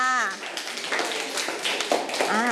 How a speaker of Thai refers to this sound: แต่ในทุกๆกลุ่มนะคะสามารถแยกสินค้าและบริการได้ถูกต้องทั้งหมดเลยปรบมือให้กับตัวเองด้วยค่ะ